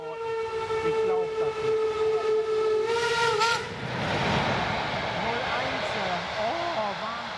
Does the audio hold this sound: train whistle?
yes